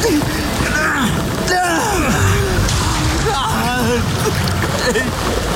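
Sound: water splashing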